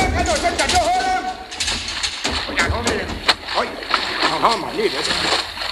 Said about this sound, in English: I got back up in time to see water gushing down through the conning tower hatch. A direct hit.